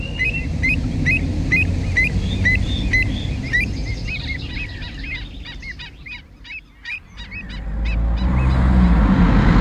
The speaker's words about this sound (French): J'observe les oiseaux migrateurs. Je me demande ce qu'ils en pensent.